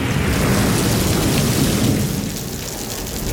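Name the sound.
rain with thunder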